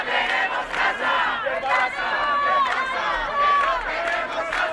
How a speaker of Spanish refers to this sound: Una concentración con la que querían mostrar su solidaridad con ella y visibilizar los otros muchos casos similares que existen. Al grito de vecina escucha, tu lucha es nuestra lucha o no toleramos ni un desahucio más, los presentes exigen medidas